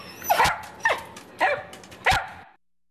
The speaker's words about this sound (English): Hey, Luigi. Luigi, what's this? What's this? That's right. This is KWMR Point Reyes Station. What a great dog.